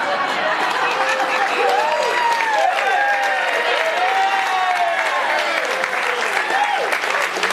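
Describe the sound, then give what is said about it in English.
Sustained crowd applause at a concert for a military band and singers, dense and steady throughout, with cheering and scattered whistles rising and falling above the clapping. “To start this off, I think we have to give a big round of applause for our military band and singers.”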